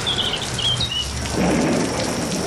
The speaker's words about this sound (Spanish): Pues alguna tormenta de fondo igual sí que tenemos